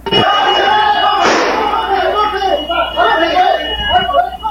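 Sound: gunshots fired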